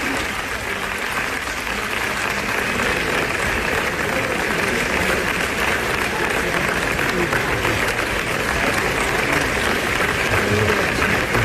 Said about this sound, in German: So, das sind die 13 Sekunden, von denen es eine Aufnahme gibt. Jetzt stellt euch das 8 Minuten vor, nur Applaus. Das muss doch wehtun. Da tun dir doch irgendwann, also die Hände sind wund, oder?